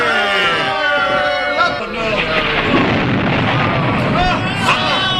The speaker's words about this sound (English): Lightning from the clear sky. It's the Israelite God, sir, performing another miracle for the Israelites.